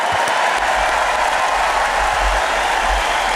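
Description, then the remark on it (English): A tennis crowd claps steadily for player Arthur Ferry after his interview, a dense wash of many hands sustained at an even, loud level throughout, with no voices rising above it. “Put your hands together, Arthur Ferry.”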